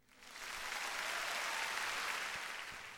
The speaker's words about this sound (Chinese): 给你最诚挚的祝福，当然要献上最响亮的掌声咯。